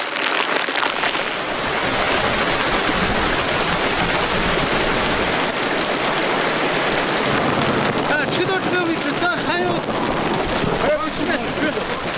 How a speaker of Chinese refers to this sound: 高原的气候变化无常，方才艳阳高照的天空忽然大雨骤降。